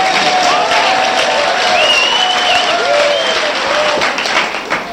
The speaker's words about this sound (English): you'll find that if you clap like this, very fast, it sounds like a lot more people here